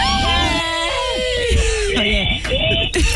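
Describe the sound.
A loud, piercing human scream with a wavering, sliding pitch fills a few seconds, close and intense, with other voices clamoring underneath.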